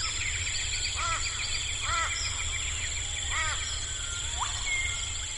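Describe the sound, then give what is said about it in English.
A dense outdoor chorus of birds: overlapping chirps, trills and repeated calls blend into a steady wash, with a few louder calls standing out every second or so over low rumble. “So an example of biophony would be this chorus of birds.”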